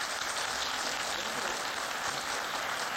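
Steady audience applause for Professor Patrick at the University of Nairobi fills the whole stretch, a dense wash of many hands clapping at an even, sustained level with no pauses and no voices standing out.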